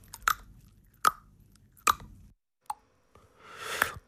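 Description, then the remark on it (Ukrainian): Four sharp, hollow tongue clicks pop out at a slow, uneven pace, fairly loud, followed by a softer, longer wet smacking sound. No one speaks. The tongue sticks by suction to the palate and is pulled back until it releases, with the mouth open and the lips and jaw held still. “Язик присмоктується до піднебіння, підтягується назад, поки не відклеїться. Ось таке клацання виходить.”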